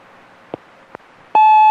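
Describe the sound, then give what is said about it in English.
Two soft clicks like a telephone handset being lifted, then a loud, steady dial tone cuts in and hums continuously without a break until the end. “When I pick it up, I get a dial tone, or sometimes, like, someone's on the phone, but no one's there.”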